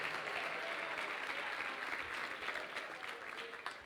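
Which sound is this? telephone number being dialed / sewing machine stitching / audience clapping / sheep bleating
audience clapping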